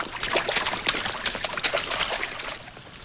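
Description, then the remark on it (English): Water runs and splashes steadily from overflowing sink faucets in a girls' bathroom, a continuous trickling and spattering with bright little drips throughout, easing slightly at the end. No voices. “In the girls' bathroom, sinks overflow from running faucets.”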